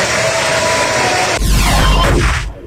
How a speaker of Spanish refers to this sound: La onda es que todos aplaudieron.